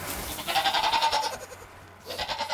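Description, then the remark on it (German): Small goats named Hanni, Nanni and mother Erna, from a wildlife park, bleat in two loud bursts, the first a long wavering cry, then a short pause before a second shakier bleat. No one speaks. “Dafür, dass sie so klein sind, ist ganz schön viel Ziege.”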